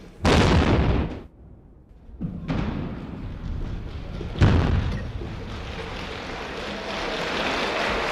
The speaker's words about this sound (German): Anschließend ist es auch der damalige Bundespräsident, der die erste Sprengung auslöst, gefolgt von Applaus.